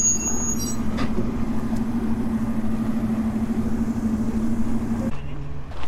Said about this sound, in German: Da fährt so ein Hanomag mit Holz rum. Oder ist es ein Unimog? Ist es ein Unimog?